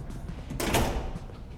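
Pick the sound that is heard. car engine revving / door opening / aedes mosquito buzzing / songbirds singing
door opening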